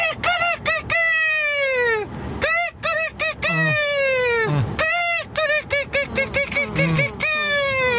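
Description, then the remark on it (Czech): A person imitates a rooster's crow several times in a row, loud, with strained, harmonic cock-a-doodle-doo calls separated by brief breaths and a few chuckles. “A podle mě to byl nachlazený kohout, možná kohout s covidem.”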